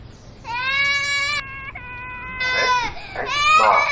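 A baby wails in long, high-pitched bursts, the cries wavering and rising in strained pulses with brief catches of breath between them, loud and insistent throughout.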